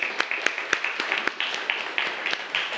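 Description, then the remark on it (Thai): A short burst of scattered hand claps from a small group of students applauding a classmate who answered a quiz question, sharp irregular smacks layered over a hissy wash of sound, steady in level for a few seconds. “ภาพโมนาลิซาปรบมือให้เพื่อนหน่อยครับ”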